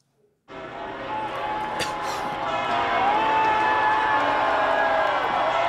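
Huge crowds in Madrid, Spain, welcoming Pope Leo on the first day of his visit cheer and roar in a dense, sustained wash of voices after a brief silence, with a few sharp bursts cutting through and the din swelling louder toward the end.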